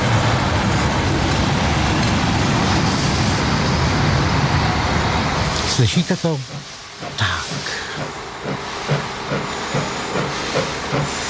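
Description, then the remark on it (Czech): A loud, steady air hiss fills the first half, then an old Czech 'ventilovka' diesel railcar's engine takes over with a rhythmic, chugging throb. A voice briefly speaks partway through. “Že ne, takže to je jako zastará, takže posíláme na trať ventilovku.”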